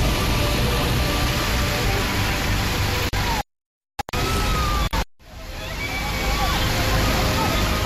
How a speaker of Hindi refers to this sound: हुआ यूं कि भारी बारिश के चलते पहाड़ी नाले में अचानक बाढ़ आने से लोग फंस गए। आप देख सकते हैं कि नाले में पानी का बहाव कितना तेज है।